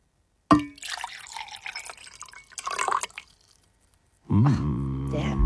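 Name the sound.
liquid being poured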